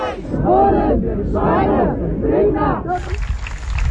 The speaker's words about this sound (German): Das, was wir gerade hören, ist der Applaus, weil die eine Person vom orangenen Finger auf der B7 bei Frienstedt nun aus der ED-Behandlung freigelassen wurde und zurückgekehrt ist in den Demoaufzug.